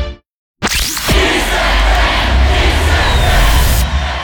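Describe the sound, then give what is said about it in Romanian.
A loud crowd of Kiss FM radio listeners in Romania cheers and roars continuously after a brief silence, a dense wash of many voices with whoops and shouts, holding steady for several seconds before cutting off abruptly. “Îi auzi? Sunt ascultătorii Kiss FM și sunt cei mai mulți din România.”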